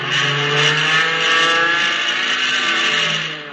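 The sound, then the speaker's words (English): A powerful fighter plane propeller engine roars steadily and loudly as the plane loops to get behind another aircraft, its droning pitch holding strong throughout with a slight swell and fade, no voices over it. “I'm going to see if I can loop and get behind him.”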